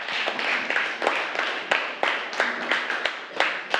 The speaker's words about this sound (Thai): ใช่ค่ะเก่งมากปรบมือให้เพื่อนค่ะ